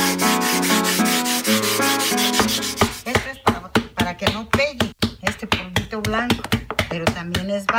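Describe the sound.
A small stone smooths the outside of a clay pot that has been wetted with water, in quick, repeated rubbing strokes, a dry, rhythmic rasp, while someone talks over it, following a few seconds of steady tones at the start.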